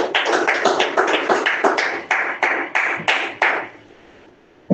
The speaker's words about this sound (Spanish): Démosle un fuerte aplauso a Dios.